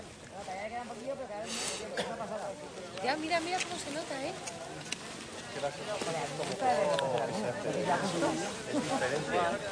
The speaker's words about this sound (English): He's looking at, well, hopefully not directly at it, but we can hear crowds in the background.